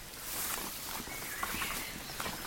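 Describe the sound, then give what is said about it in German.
Faint, unhurried footsteps of people slowing their pace as they approach a small house in the middle of a clearing crunch over soft ground outdoors, spaced irregularly against a steady hiss of wind or leaves, with no voices. “Kurz nach dem Entdecken verlangsamten sie ihre Schritte, um die Örtlichkeit genauer in Augenschein zu nehmen.”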